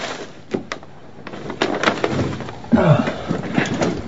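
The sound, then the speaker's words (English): A stack of papers shoved off a chair onto the floor in a doctor's office: a rustling sweep with scattered soft slaps and thumps, swelling into a louder papery slide near the end. “Push all those off onto the floor.”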